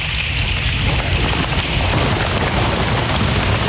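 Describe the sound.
Dense, continuous patter of many children slapping their thighs together on the floor of an echoey school hall to imitate heavy rain, building a loud, steady rainstorm-like roar with low thumps underneath, sustained throughout with no pauses.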